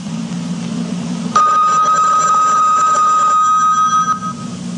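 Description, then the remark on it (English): A single bell on radio station WBCQ, Monticello, Maine, USA, marking the top of the hour, is struck once, giving a bright, ringing tone that sustains and slowly fades over about three seconds, preceded by a low steady hum. “At the sound of the bell, it's the top of the hour, and it's time for Tom Call Theater.”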